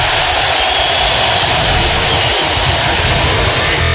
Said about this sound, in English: Listen to the crowd here. This is unbelievable. Nebraska's starters being announced, and we'll let you listen and imagine it in your mind's eye.